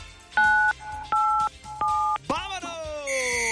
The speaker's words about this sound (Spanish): ¿Qué te parece si le aprietas al 987 para girar la ruleta? Ya está configurado, ¿eh? Ponle 987 en tu teléfono.